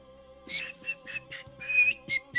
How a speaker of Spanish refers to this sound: Dejen ver si me va a salir el silbidito.